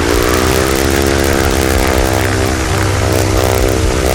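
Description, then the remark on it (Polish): A steady, loud droning buzz from the propeller of a zero-emission electric airplane in flight at Katowice-Muchowiec airfield, holding an even pitch with a rich harmonic whine for the full few seconds, no voices present. “Wszystkie te silniki tradycyjne, tłokowe, spalinowe jednak generują trochę dźwięku, a tak jak słyszeliśmy przed chwilą, jednak samolot elektryczny jest dużo cichszy, zostaje tylko śmigło.”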